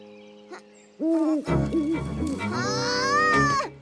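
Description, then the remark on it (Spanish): An owl in Sunnypatch hoots loudly in a short series of tonal calls, starting low and rising into a long, wavering, higher-pitched hoot that holds for over a second before cutting off. “Hay un búho en Sunnypatch.”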